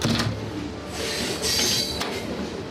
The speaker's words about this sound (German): Langsam setzt sich der Zug in Bewegung, vorbei an Industriebetrieben, Kränen und Holzlagern. Dann verschwindet Vancouver hinter den Glaskuppeln und Panoramafenstern.